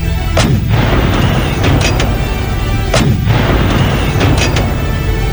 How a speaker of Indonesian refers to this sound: Kita akan serang mereka. Pasukan, serang dengan meriam.